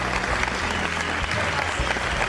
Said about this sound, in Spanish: Así que estamos contentos y alegres. Así que denle un aplauso al Señor.